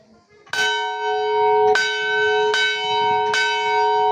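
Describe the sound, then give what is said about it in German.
The bells of the Monastery of St. Peter and Paul in southern Lebanon, rung there for nearly 300 years, ring out in four resonant strikes at a steady, unhurried pace, each tone lingering and overlapping the next, loud and clear with no voices present. “Seit mittlerweile fast 300 Jahren tragen die Glocken des Klosters St. Peter und Paul ihre Klänge über die grünen Hügel des Südlibanon.”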